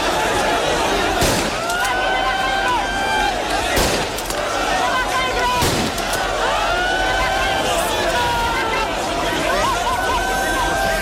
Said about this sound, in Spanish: Son los disparos al aire que lanzaba la policía para frenar la avalancha durante ese agitado traslado de migrantes.